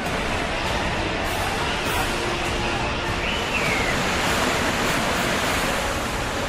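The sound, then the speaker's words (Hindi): A dense, steady roar of floodwater from heavy rain rushing down the mountains and crashing against rocks in Bandipora, Jammu and Kashmir, India, fills the whole clip, loud, with a constant churning hiss and no pauses or distinct splashes standing out. “पानी के प्रहार से चट्टान टूट रही है और साथ ला रही है मुसीबत।”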